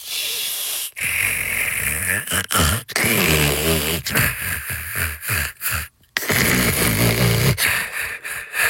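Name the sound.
person snoring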